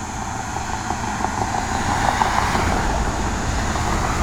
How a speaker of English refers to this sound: It's a lot of traffic out. Maybe everybody's going home from the bars.